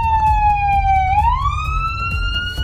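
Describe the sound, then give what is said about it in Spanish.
An IMSS ambulance, driven by a drunk driver through the streets of Mexico City, wails its siren loudly, its pitch sliding down and then sweeping back up over a steady low rumble of traffic, with no voices. “Le chocó a un montón de coches, andaba borracho en una ambulancia en las calles de la Ciudad de México.”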